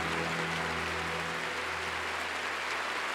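An audience claps together in steady, dense applause for the Lord, with a low hum running underneath and no voices heard.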